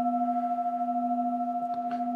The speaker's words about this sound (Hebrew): מה שמיוחד בקערות טיבטיות שיש להם דיקי, יש הצל שלהם הולך ויש לו צליל מאוד מאוד ארוך, תעודה ארוכה, אפשר להקשיב להתחלה ולסוף.